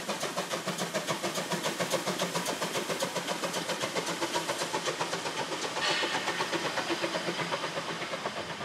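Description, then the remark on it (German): A narrow-gauge steam train running to the mole at Lauterbach, its engine chuffing in a steady, rapid rhythm with a dense mechanical rumble and hiss throughout, no voices. “Lassen wir nun den Dampfzug der Schmalspurbahn bis an die Mole fahren.”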